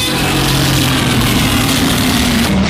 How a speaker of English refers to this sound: That old Godzilla roar, man. You know what's funny about that? That's the same sound I make when I try to get out of the easy chair.